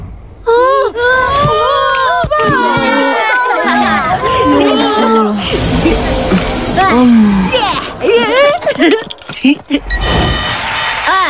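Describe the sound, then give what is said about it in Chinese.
Blue team football players cheer and shout together in a lively burst as the half-time whistle blows with their team leading 30-0, high exclamations overlapping with crowd-like chatter, loud throughout with a brief dip near the end. “此时中场哨声响起，红队满脸失望的喘气，蓝队队员们都开心的欢呼了起来。”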